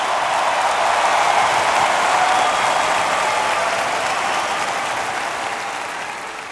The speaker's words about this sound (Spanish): un minuto dando gritos de júbilo en honor a Jesús. El sonido de libertad.